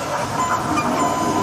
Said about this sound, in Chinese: 油温五成熟，加入切好的茄子。将定型后的茄子进行复炸。 茄子过油，香气上头，更何况还是两次油炸。